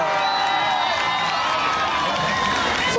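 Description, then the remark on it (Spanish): A large crowd in Lima applauds and cheers loudly and continuously to welcome Daniel Urresti Herrera, candidate for mayor of Lima, with dense clapping, shouts and whistles filling the space throughout, and voices mixed into the roar. “Con nosotros vamos a recibir con fuertes aplausos al general del pueblo, al futuro alcalde de Lima, Daniel Urresti Herrera.”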